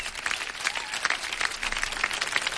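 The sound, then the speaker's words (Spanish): Applause from a group of people, a dense, steady patter of many hands clapping at once, sustained at an even level without voices. “Aplausos, por favor.”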